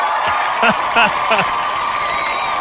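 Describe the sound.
A steady, dense wash of applause runs throughout, with three short voiced whoops or shouts rising out of it in quick succession near the start.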